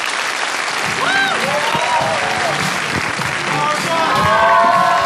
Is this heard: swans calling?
no